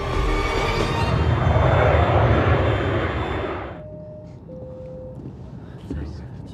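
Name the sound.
airplane engine drone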